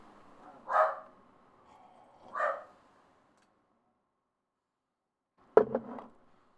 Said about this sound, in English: Ah, dang it. There go the dogs barking. Postman just went by.